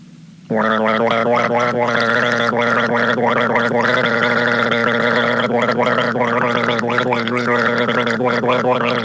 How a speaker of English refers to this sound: But not until I have another guzzle of this